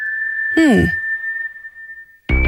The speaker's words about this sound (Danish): Og hvad er dog det? Kan du høre den der fløjten der?